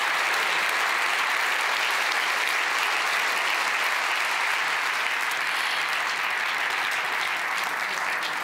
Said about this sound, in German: Einen ganz, ganz großen Applaus und herzlichen Glückwunsch. Feiert euch als ganzes Team. Unsere Podcast-Siegerinnen und Sieger.